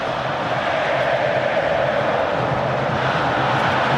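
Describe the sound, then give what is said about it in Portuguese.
A huge stadium crowd of Flamengo supporters roars and sings without pause during a match against Bragantino, a dense, steady wall of voices that holds at full volume for the whole four seconds, with no single speaker standing out. “torcida do Mengão, não para, escuta só”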